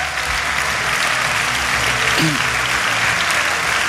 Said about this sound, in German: Gebt mal einen großen Applaus bitte an alle Regensburger. Wir freuen uns auf euch.